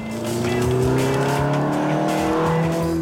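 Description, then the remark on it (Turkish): A TVR sports car with a front-mounted 360 brake horsepower V8 engine and a very light body roars steadily at high revs, its deep harmonic drone sliding slowly in pitch as it drives, loud and continuous with no talking. “En önde harika 360 fren beygir gücünde TVR V8 var.”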